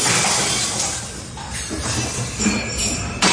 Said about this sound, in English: The sound, well, you probably got it, of glasses, crockery smashing on the 13th floor of a hotel in Kagoshima. Now, Kagoshima is about 175 kilometres from the epicentre of this earthquake. That just goes to suggest how strong the earthquake was felt.